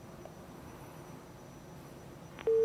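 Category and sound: signal or alarm, phone line disconnected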